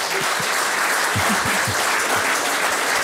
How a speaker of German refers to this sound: Applaus, also von der Ostsee in die Welt, ne?